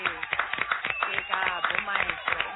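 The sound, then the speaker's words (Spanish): A round of applause on the Radio Nacional show 100% Nora, many hands clapping in a dense, steady patter, mixed with voices and cheering from the crowd throughout. “Un aplauso”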